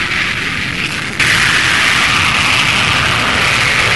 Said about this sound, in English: The ceremony over, a couple of Harrier development aircraft and one of the U.S. planes gave the most breathtaking demonstration of the jump jet that anyone there had seen.